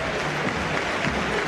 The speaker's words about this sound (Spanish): No quiero ser injusto con él, pero me parece que llegó algún aplauso más